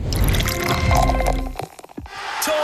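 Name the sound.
drink poured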